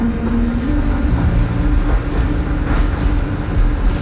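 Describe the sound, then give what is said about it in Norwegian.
A tram rumbles steadily along its rails from Lian down toward Trondheim, Norway, a continuous low mechanical drone with faint metallic squeal, heard from inside the car with no one speaking. “Når du tar trikken fra Lian, så ligger Trondheim under deg.”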